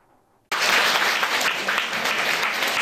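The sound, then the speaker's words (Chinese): At Fo Guang Shan's New York temple, a crowd of Buddhist devotees breaks into sustained, lively applause after a brief quiet moment, welcoming the Venerable masters entering for a Humanistic Buddhism lecture, the dense clapping continuing at a steady, enthusiastic level until the end. “佛光人热情拍手迎接法师进场。”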